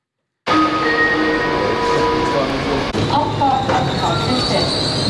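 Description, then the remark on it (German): A passenger train rolls into Artgoldau station with loud, sustained brake squeals and steady rumbling as it slows to a stop; faint voices mix into the background. “Ein Personenzug stoppt beim Bahnhof Artgoldau.”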